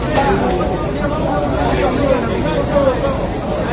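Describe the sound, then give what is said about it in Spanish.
A crowd of fans at the airport in Buenos Aires shouting at River players, a dense, steady babble of many overlapping voices with no single voice standing out, holding the same loudness throughout. “Los hinchas le están recriminando cosas, ¿eh?”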